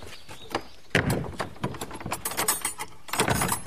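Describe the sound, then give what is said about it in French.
A door being closed at the end of a guided visit: a solid thud followed by a run of sharp mechanical clicks and rattles from the latch and lock, with no voices. “Je ferme la porte, non?”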